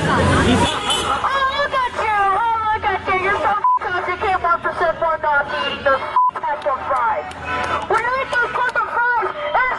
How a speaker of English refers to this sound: Yeah, they see, I mean, it's bleeped out so much because all they're saying is the F-bomb. Beep, beep, beep, beep, beep, beep, you know.